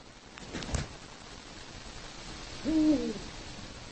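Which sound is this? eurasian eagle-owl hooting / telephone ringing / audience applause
eurasian eagle-owl hooting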